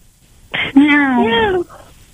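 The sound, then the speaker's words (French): A person's voice imitates a cat's meow: one drawn-out, fairly loud mewing call with a wavering pitch, preceded by a short breathy onset and trailing off into quiet. “Fais un langage, un petit coup miaou waf là.”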